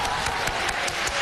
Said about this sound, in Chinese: 咱们掌声有请建春表演一个下蛋，好不好？掌声有请。